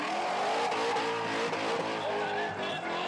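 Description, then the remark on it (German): A drifting car at a trade fair's drift challenge roars with a loud, sustained engine rev while tyres squeal and skid continuously, the high whine of rubber layered over the throaty motor throughout. “Ein Highlight der Messe, die Drift Challenge. Hier zeigen die Fahrer, was sie können und die Zuschauer, was sie mögen.”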